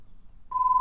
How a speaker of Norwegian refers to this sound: Det ringer.